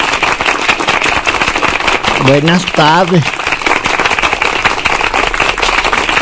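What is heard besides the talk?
audience applause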